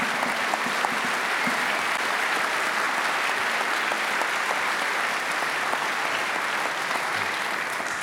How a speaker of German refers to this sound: Riesen Applaus